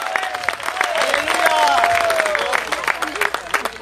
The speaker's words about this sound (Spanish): ¿Cuántos alaban al Señor en esta hora? Dele fuerte ese aplauso, sea para Él.